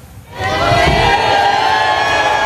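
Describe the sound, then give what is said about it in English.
A large crowd in the seaside town of Newcastle, Northern Ireland, erupts into loud, sustained cheering and whooping for King Charles on his walkabout after a brief quiet moment, the roar holding steady until the end. “King Charles meeting crowds in the seaside town of Newcastle, one local leaving a souvenir for His Majesty on the back of his jacket.”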